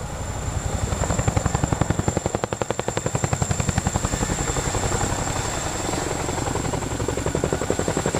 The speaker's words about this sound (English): Well, flying a helicopter is something I've always wanted to do since I was a child, and flying at the speed of sound is certainly a thrill,